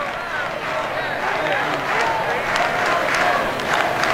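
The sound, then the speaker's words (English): A large baseball crowd at Hauser does the Knowles cheer in the bottom of the eighth inning, with the Seminoles leading 8-1: a dense, steady roar of many voices with scattered claps and shouts, holding at an even, fairly loud level throughout. “Knowles cheer going on here at Hauser.”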